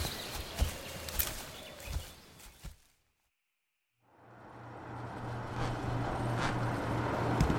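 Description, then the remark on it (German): After a few sharp clopping knocks and a brief hush, a tiny car driven by the chief's wife hums in and grows steadily louder as it approaches, with a low steady drone under rushing road noise. “Das ist doch die winzige Karre”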